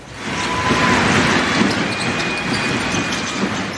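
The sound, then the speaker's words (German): Sounds of a game at the Women's Basketball World Cup in Berlin: a steady roar of cheering crowd noise with a few high sneaker-like squeaks and faint thuds of a ball bouncing underneath, continuous for the whole stretch. “Ja, so jubeln klingt's gerade in Berlin. Da läuft nämlich noch bis Sonntag die Basketball-WM der Frauen.”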